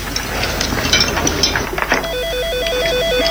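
A phone starts ringing partway through with a steady electronic warble, two tones rapidly alternating and repeating until the end, after a stretch of faint clattering and room noise.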